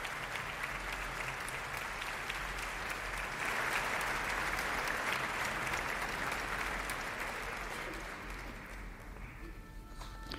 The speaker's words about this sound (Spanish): Los aplausos que escuchaban era la salida de la concertino de la Orquesta Nacional de España